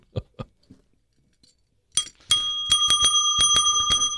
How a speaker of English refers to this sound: We'll never use it. If I say something good, that's all we'll do is ring the bell all the time.